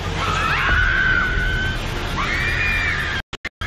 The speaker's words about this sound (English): Footage showed the building's arches collapsing onto the ground floor restaurant. Bystanders screamed and retreated as thick clouds filled the street.